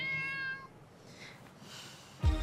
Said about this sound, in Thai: ก็สองแมวไงคะ เมียวเมียวเมียว